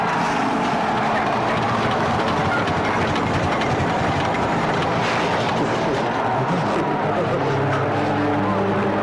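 truck approaching

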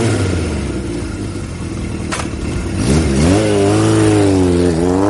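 motorcycle engine revving

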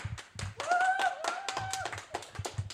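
audience clapping hands

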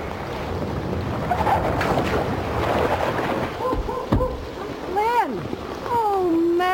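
rushing flood water

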